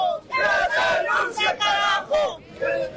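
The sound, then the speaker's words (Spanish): The 'march for life' protest crowd arriving in Conani, La Paz, Bolivia, chants in unison, many voices shouting a rhythmic slogan demanding Rodrigo Paz Pereira's resignation in loud, repeated bursts with brief gaps between phrases. “Ese es el grito de Bolivia.”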